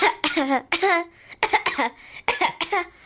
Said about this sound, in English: So, I have hay fever. Yeah, I thought so. So excuse any coughing. I may cough along.